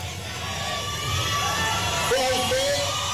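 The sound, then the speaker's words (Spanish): At a political event in Mexico, a large crowd standing behind a fence shouts and cheers in support of President Claudia Sheinbaum, a continuous, dense roar with individual yells rising above the din, one long, drawn-out call standing out toward the end. “La gente que está gritando ahí, desde luego es gente que está apoyando a la presidenta y al estadista Monreal.”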